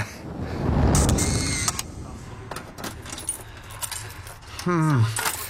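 A bunch of keys to the clubrooms on the first and second floors jangles in a few shaking bursts of bright metallic clinks over a low background rumble, with a short vocal sound near the end.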